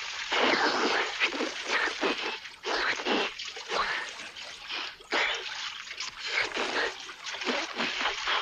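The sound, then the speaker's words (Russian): Steady, churning water sloshing and splashing, with repeated surges of spray as an old man and two boys in their clothes fall into a huge swimming pool beside a wide highway and thrash in the water, continuing for several seconds without any speech. “Под ними проносится широкое шоссе, деревья и бассейн. Падают в воду.”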